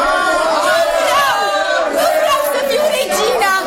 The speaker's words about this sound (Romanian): Am adunat câțiva oameni devotați și am făcut cunoscut poporului că Astarte trăiește. Și îndată tot văzduhul s-a umplut de strigăte.